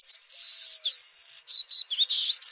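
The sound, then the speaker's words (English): A golden-cheeked warbler, a small yellow, black and white songbird of Texas Hill Country, sings a buzzy song of high, insect-like trills and wheezy notes, several drawn-out buzzes followed by quicker clipped phrases, clear with no talking. “Boldly dressed in yellow, black, and white, these little birds and their buzzy song take center stage in Texas Hill Country.”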